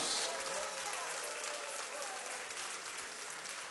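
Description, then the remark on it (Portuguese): An audience at a Deus é Amor church claps to welcome their pastor, a dense, sustained wash of many hands applauding at an even loudness that fades only slightly toward the end, with faint voices mixed in. “Recebamos o nosso pastor com as palmas de alegria.”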